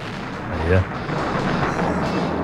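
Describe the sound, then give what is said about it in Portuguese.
A thunder clap sound effect played on a radio show at a listener's request for rain: one sharp, deep boom lands early, then a steady rumbling wash of noise, like rain and rolling thunder, carries on at an even level to the end. “Largar um raio aí, sempre às vezes acontece, né?”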